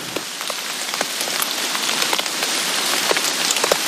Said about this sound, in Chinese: 咱们刚说呢，这个房子90多年前不遮风不避雨，没想到90多年之后给咱俩遮上了。但是这会儿我觉得听着雨声心里还挺平静的。